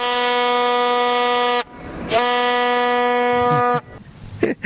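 Two long, loud blasts of a horn, each held steady for over a second with a short gap between, followed by a brief burst of murmuring and noise at the end.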